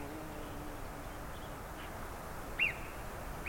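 A single sharp, high-pitched alarm call rings out from a marmot, brief, bird-like and whistle-like but voiced with its vocal cords rather than whistled, followed by the start of another at the very end, over a quiet outdoor hiss.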